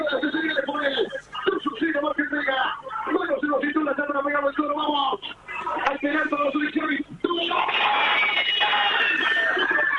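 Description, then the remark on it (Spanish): Excited talking gives way, about seven seconds in, to a loud, sustained roar of Argentina fans at the fan zone on Avenida Libertador and Sarmiento cheering Lautaro Martínez's penalty goal for Argentina, watched on a big screen and heard through a phone held in the air, lasting to the end, with a thin, phone-like tone. “Y ahí se escuchaban los gritos de la gente en Avenida Libertador y Sarmiento, en la fan zone, donde están los hinchas del equipo argentino y el público en general, mirando el partido por pantalla”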